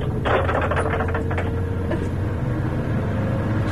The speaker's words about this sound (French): Vous entendez les essuie-glaces?